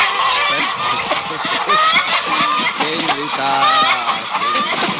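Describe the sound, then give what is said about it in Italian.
A loud, crowded racket of hens clucking and squawking nonstop, with sharp overlapping calls and voices mixed into the din. “Le galline tutte matte per far il gallo.”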